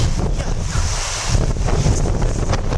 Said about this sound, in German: Was plätschert denn hier so?